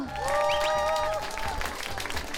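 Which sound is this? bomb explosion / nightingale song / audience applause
audience applause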